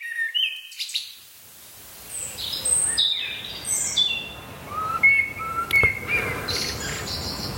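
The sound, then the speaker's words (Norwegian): Several birds chirp and whistle in short bright overlapping phrases in a European deciduous forest with insects flying, over a soft outdoor background hum with faint rustling; no one speaks. “Det litt fuglekvitter der, insekter som flyr.”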